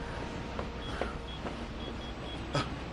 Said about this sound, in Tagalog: May humaharurot na sasakyan. Mabubundol ako!